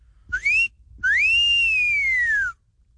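A close, clear two-note wolf whistle: a short rising chirp, then a longer note that swoops up and slowly glides down, with no talking.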